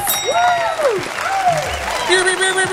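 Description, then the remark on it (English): A voice mimics a foghorn with a few loud, drawn-out swooping hoots that rise and fall in pitch, over a steady wash of clapping and crowd noise. “So, yeah, that's the, that's my own foghorn sound.”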